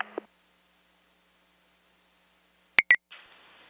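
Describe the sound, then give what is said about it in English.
A radio channel opens with a brief burst of noise, falls quiet, then sounds two quick high-pitched dispatch tones back to back, paging the Moultonboro fire department to a carbon monoxide alarm, followed by a soft hiss of static. “Can you tone Moultonboro for a CO alarm sounding 23, Gansey Lane, and you can show 15, Engine 3 responding.”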